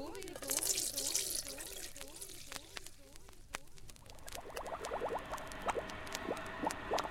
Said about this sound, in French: Puis, je dois les mettre dans une casserole. Et enfin, je dois les couvrir d'eau.